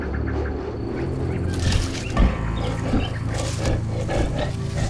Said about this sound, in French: Caché derrière des buissons, ses compagnons et lui attendent. Quoi ? Mais, ma foi, un lion !